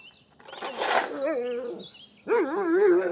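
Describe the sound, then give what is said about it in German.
A dog on a cattle farm gives two loud, drawn-out barking bursts with a whiny, wavering pitch, separated by a short pause. “Du kriegst immer mal einen Herzinfarkt, Hund, ganz ehrlich.”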